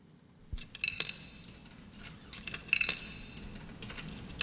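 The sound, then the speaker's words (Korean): Several bright metallic clinks and jingles, like coins dropping into a vending machine, come in two short bursts over a low, soft background hum, opening a song. “지금 자판기에 동전을 넣는 듯한 소리로 시작해요.”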